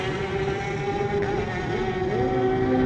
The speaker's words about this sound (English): Davo Johnson with the revving of the engine. The Australian, always one of the more consistent riders at the TT. But let's see what he can do in qualifying for 2026.